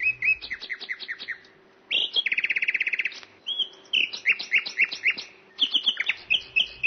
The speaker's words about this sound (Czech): Když císař usedl a pokynul, slavík na bidelku se dal do zpěvu.